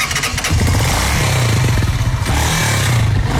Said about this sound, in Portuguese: Estamos aqui a remover o escape, porque a moto está a passar fuga. Okay. Temos que meter um amiante para que a fuga desapareça.